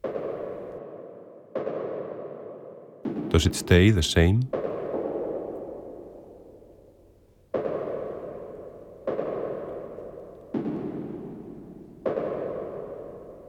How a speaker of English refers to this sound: footsteps of a man walking in shiny leather shoes along an endless chessboard floor. Is he following a trace? Concentrate on the relation between the higher footstep sound and the lower footstep sound.